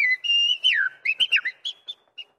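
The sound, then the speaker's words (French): A person whistles a birdlike call: a sustained tone with a swooping slide, then a run of short, quick chirping notes that taper off. No one speaks. “puis après de gens qui sifflaient pour essayer de comprendre comment on pouvait faire vibrer le son et avoir la note parfaite.”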